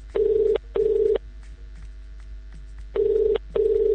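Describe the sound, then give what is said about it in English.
A telephone ringback tone, calling a contest winner, sounds twice in a double-pulse pattern: two short steady buzzing rings, a pause of over a second, then two more. It is clear and fairly loud, with no talking. “And it rings.”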